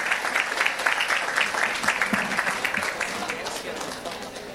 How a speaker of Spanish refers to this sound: El aplauso para él, para recibirlo aquí en el escenario.